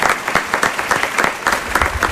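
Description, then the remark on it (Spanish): Loud, dense applause from a theatre audience at the Teatro Luis del Olmo for a choir opening Radio Ficción's new season, many hands clapping at once in a steady, continuous wash with no voices standing out. “Fuerte aplauso para ellos.”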